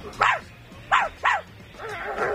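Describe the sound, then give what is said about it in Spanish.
A person imitates the yappy barks of the neighbour's chihuahua, Flocky: three sharp, high-pitched yips in quick succession, followed by a softer, whiny trailing sound, fairly loud with no other talk. “Y le hacía el mismo ladrido que hacía él, que era una cosa como esta.”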